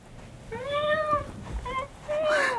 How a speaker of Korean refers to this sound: 구석에서 꼬리를 고추 세운 새까만 턱시도 고양이가 울며 현우에게로 달려왔다